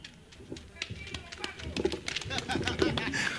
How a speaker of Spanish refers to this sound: Fuerte los aplausos